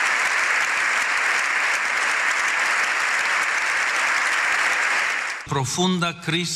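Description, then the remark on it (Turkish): Dense, sustained standing ovation from a large crowd in the plenary session of Spain's parliament for Pope Leo XIV, steady and loud for several seconds before it cuts off and a man begins speaking. “Papa 14. Leo İspanya'da Meclis Genel Kurulu'nda konuştu. 7 dakika ayakta alkışlandı.”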